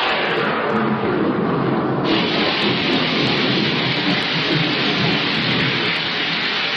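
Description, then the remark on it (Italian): A heavy thunderstorm with steady, loud rain pouring down throughout, a dense hiss with deep rumbling of thunder rolling underneath, continuous with no voices. “Potrebbe essere peggio. E come? Potrebbe piovere.”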